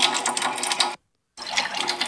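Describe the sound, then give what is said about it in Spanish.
A steady, hissing stream of water pours from a tap at a home where the water supply has just returned, cutting out abruptly for a brief moment of silence before rushing on again at the same strength. “Me acaba de llegar el Ustedes agua. oyen el chorro.”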